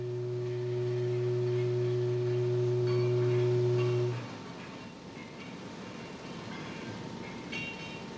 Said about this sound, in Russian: Продолжительный заводской гудок возвестил о начале обеденного перерыва.